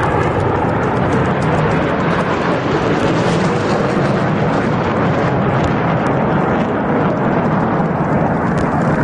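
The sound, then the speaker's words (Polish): The first Polish F-35 fighter jets landing at the military air base in Łask near Łódź, Poland: a loud, continuous engine roar that fills the whole stretch with dense, rushing noise. It stays steady, and no voices can be heard. “Ostatecznie samoloty wylądowały właśnie w bazie wojskowej w Łasku niedaleko Łodzi.”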